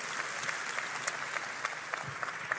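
An audience at a church service claps steadily for the Lord as a physician guest is welcomed, a dense wash of overlapping hand claps with occasional sharper individual claps poking through, sustained at an even level for the whole stretch with no talking.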